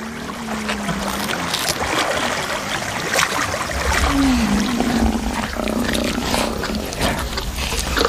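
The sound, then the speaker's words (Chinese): Lions on the shore roar and growl in deep, drawn-out bursts as they come to seize food, an elephant carcass, from Nile crocodiles, over a steady wash of splashing water, the calls rising and falling in pitch, loud throughout with no talking. “在岸上狮子前来抢夺食物。”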